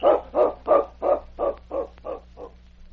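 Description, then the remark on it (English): A dog named King barks in a quick, steady run of about eight sharp barks while scratching at a cabin door at Upper LaBarge, gradually growing quieter, with a faint low hum underneath and no talking. “It was several hours later when Sergeant Preston, who was sleeping in the cabin of the constable at Upper LaBarge, was awakened by barking and scratching at the cabin door.”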